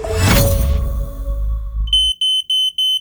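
A loud, crashing burst of noise fades away, then a shrill smoke alarm starts beeping in rapid, evenly spaced high-pitched bursts, piercing, with no voices, opening a radio advert for Quick Check, a smoke alarm specialist.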